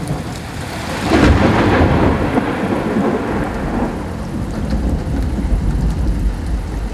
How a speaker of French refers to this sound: Hier soir, la foudre a frappé, je veux dire littéralement. Premier degré, bam! Climax.